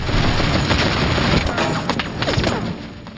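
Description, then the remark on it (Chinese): Rapid bursts of gunfire from German aircraft at night crackle over a constant, dense roar, with several sharp shots standing out in the second half before the volume eases slightly at the end. “霍沙式滑翔机里的情况应该很好，当时天全黑了，只有德军飞机发射的炮火在闪烁。”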